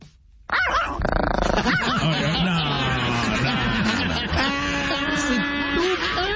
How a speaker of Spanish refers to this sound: Oye, ponle un perro ya de veras, ¿qué es eso? ¿Qué es eso? ¿Un chihuahua? Con madre el perro. Es un perrín. Muy bien, el perrito. Un perrillo.